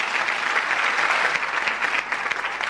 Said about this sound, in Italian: Ci vuole un applauso al grande Maurizio Pagnini, grazie di tutto.